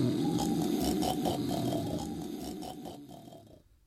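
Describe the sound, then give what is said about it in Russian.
Loud, heavy snoring from a father who has fallen down in a courtyard: one long, rasping, rattling breath that holds steady for several seconds before fading away at the end. No one speaks. “Через секунду двор оглашается его могучим храпом.”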